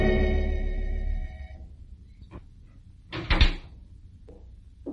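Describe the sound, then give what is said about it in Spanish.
A door opens as a doctor arrives: a short creak and click, then a louder burst of rattling and knocking as it swings, with a faint low hum at the start and a small thud near the end. “20 minutos después, llegó a mi puerta el doctor”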